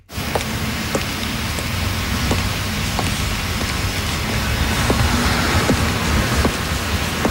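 Hard-soled shoes click along at a steady walking pace, sharp taps spaced about half a second apart, over a constant loud rushing hiss of background noise.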